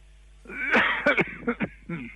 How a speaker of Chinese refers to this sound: 我刚才听咳嗽了，怎么了？嗓子不舒服吗？